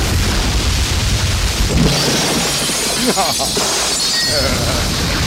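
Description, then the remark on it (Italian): A pointed, incandescent lamp with stripped wires shatters with a loud electrical crash as it strikes someone, a dense burst of breaking and crackling noise that sustains for several seconds, with voices mixed in beneath it. “Che lampada!”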